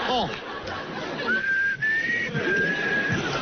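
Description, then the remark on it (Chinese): A person whistles a short, clear melody of a few sustained notes with slight pitch shifts inside an elevator. It is moderately loud and comes after a brief burst of voices and background noise at the start. “电梯里吹口哨，容易漏水。”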